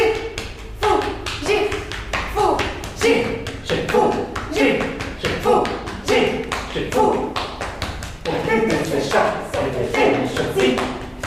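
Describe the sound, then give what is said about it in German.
Two performers steadily, rhythmically pat each other on the back in a piece by composer Georges Apergis, dull taps repeating throughout, while they chant short rhythmic syllables in a fantasy language along with the beat. “Sie klopfen sich gegenseitig auf den Rücken und unterhalten sich mit rhythmisierten Silben auf einer Fantasiesprache.”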